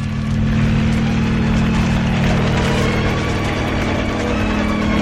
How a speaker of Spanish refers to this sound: acciona los controles y el helicóptero inicia el vuelo.